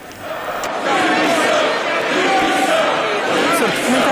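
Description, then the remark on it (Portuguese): A loud crowd of voices of the Chega party's parliamentary bench in Portugal's Assembleia da República shouting "demissão" (resignation) together in protest at a vote result: a steady, dense roar of overlapping chants and yells that swells after the first second and stays intense throughout. “Aparentemente a bancada do Chega não está a aceitar os resultados da votação dos deputados representantes da nação no Parlamento e estão a gritar demissão.”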